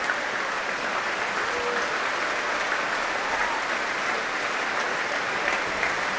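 Sustained applause from a large audience after an orchestral performance, including applause for the trombones, a dense, steady wash of clapping that continues evenly from start to finish, loud, with no voices standing out.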